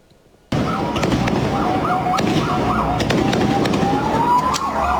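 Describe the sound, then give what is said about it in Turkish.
Fireworks set off by a group at night in Beşiktaş, Istanbul, go off in a dense, continuous barrage after a sudden start, with repeated sharp cracks and bangs, whistling rising tones, and loud crowd-like commotion throughout. “Gece saatlerinde İstanbul Beşiktaş'ta sahneye çıkan bir grup ateşledikleri havai fişeklerle ortalığı birbirine kattı.”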